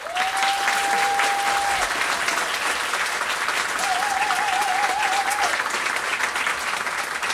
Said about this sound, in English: So please give a hand of applause for Radovan Tariška on alto saxophone.